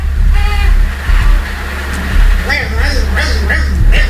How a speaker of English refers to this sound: trying to cry and suck on the pacifier at the same time.